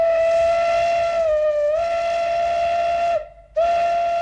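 A loud, sustained steam locomotive whistle blows a steady shrill tone rich in harmonics, dipping slightly midway, cutting off briefly near the end, then sounding again. No one speaks.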